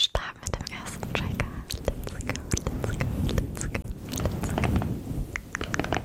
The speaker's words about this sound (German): Rascheln, Flüstern, sanftes Klopfen, ein Pinsel, der übers Mikro fährt. Das sorgt bei vielen für Gänsehaut und für Entspannung.